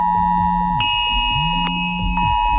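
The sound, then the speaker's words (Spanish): A loud, continuous electronic emergency alert tone from a mobile phone, steady and piercing, with a lower buzzing tone that rises and falls in pitch underneath, sent around 11:15 in the morning during an emergency drill at the port of Santander, Spain. No one speaks. “Y una cosa más, esta mañana a algunos les habrá sorprendido esta alarma en sus móviles.”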